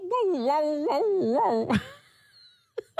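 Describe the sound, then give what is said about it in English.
A person mimics a dog's yowl: a wavering, sing-song whine that rises and dips in pitch for under two seconds, ends in a sharp breathy burst, then two brief short sounds. “I don't know if for the dog owners out there, if your dog does this little yowl like that.”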